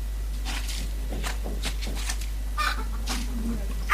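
A rooster clucks repeatedly in short, bright bursts, with a steady low hum underneath and faint voices in the background.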